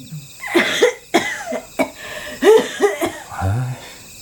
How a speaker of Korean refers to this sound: 방 안에서 기침 소리가 들리자 승범은 입술을 삐죽였다.